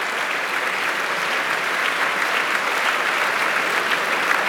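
Sustained audience applause, a dense, steady wash of many hands clapping at an even loudness throughout, with no voices standing out above it.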